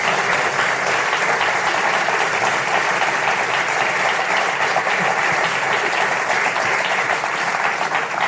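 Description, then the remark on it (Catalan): An audience at a live music performance claps steadily and loudly after the band's final song, a dense, even wash of many hands with no pauses or voices rising above it. “Un aplaudiment, sí, sí.”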